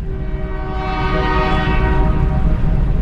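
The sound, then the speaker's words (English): A freight train hauling trash sounds its horn in one long, steady chord while crossing a bridge, over the heavy rumble of rolling rail cars, loud and swelling slightly as it goes on, with no talking. “Granted, it's just hauling trash. We've got to get rid of the trash some ways, and this is it.”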